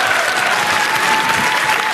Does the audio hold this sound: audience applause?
yes